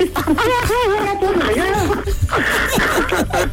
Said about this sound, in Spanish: Ya está llorando tu hermana, ¿eh?